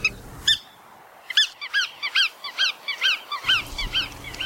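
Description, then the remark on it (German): A bar-tailed godwit gives a rapid series of about a dozen nasal, yelping calls, clear, with a low rumble of background noise at the start and end. “Und damit der Vogel der Woche, der Iron Man unter den Zugvögeln, alle mal unter den Wartvögeln, die Poolschnepfe.”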